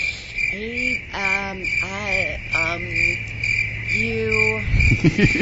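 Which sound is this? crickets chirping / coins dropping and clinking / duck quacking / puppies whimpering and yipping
crickets chirping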